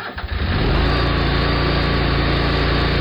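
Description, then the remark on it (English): A Bad Boy tractor engine cranks with a few quick sputters, then settles into a steady, loud, rumbling idle that carries on to the end with no voices. “Others climb on a bad boy tractor and handle it.”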